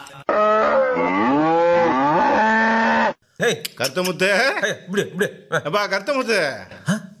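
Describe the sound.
A cow gives one long, drawn-out moo lasting about three seconds, loud, and then a person starts talking right after it ends.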